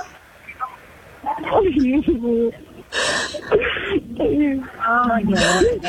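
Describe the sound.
A woman sobs and wails over a phone line, her voice wavering and breaking with gasping breaths and whimpers, loud and close, words barely formed through the crying.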